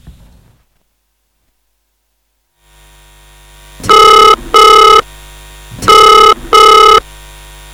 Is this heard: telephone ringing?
yes